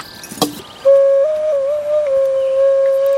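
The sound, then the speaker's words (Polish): After a brief knock, an ocarina, one of several kept among a collection of musical instruments, sounds a pure, steady mid-pitched tone, held for over two seconds with small step-like shifts up and back down in pitch, played alone. “Jest kilka okaryn.”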